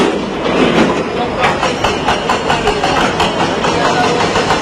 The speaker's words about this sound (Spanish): Este es el sonido en directo de esos trabajos para poder recuperar a personas entre los escombros.